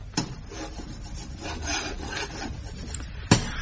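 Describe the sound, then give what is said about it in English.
Chalk scratches and scrapes across a blackboard in a run of short, gritty strokes as Captain Mannering puts the final touches to a diagram of a new battle plan in the Novelty Rock Emporium on the sea front at Warmington-on-Sea, framed by a sharp tap at the start and a louder knock near the end. No one speaks. “This evening, he is busy putting the final touches to a diagram on the blackboard.”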